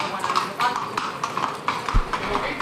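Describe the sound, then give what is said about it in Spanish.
An eight-year-old bay Lusitano horse bearing the brand of Sebastián Fernández and white and red ribbons clip-clops its hooves in a steady, moderately loud rhythm of sharp, hollow strikes as it comes out, with an indistinct voice murmuring underneath. “el que está saliendo en estos momentos. Un caballo lusitano con 8 años, bayo, con el hierro de Sebastián Fernández y lazos blanco y rojos.”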